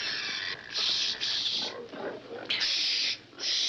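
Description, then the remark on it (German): A pig, held while something is being put on it, grunts and squeals in a run of loud, harsh, raspy bursts, several in a row with short gaps between them, and lower rough snorts in the pauses. “Dem Schwein anziehen.”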